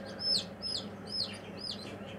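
Very small bantam chicks cheep in a steady run of shrill, high peeps, about two per second, over a low background hum.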